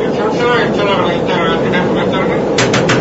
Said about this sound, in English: It's night aboard a commercial jet airliner, aloft high in the sky. Say, stewardess. Yes, sir. I think there's somebody knocking on the door of your airplane. Why, that's impossible.